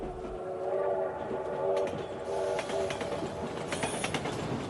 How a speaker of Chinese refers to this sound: 火车是大众化交通工具，在很长一段时间，人们跟火车的有关记忆是伴随着有节奏的咣当声、平缓行进的绿色车身。